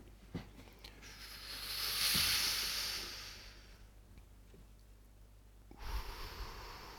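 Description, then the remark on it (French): Slow, deep breathing during a guided breathing exercise, done seated: a long, airy breath swells and fades over a few seconds, followed by the start of another. Soft, with no talking. “Et puis, on va faire 5 minutes de respiration ensemble.”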